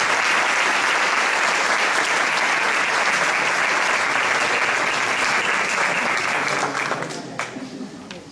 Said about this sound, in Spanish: Pero ahora vamos a recibir con un fuerte aplauso,